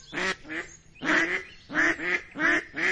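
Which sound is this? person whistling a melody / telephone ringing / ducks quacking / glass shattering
ducks quacking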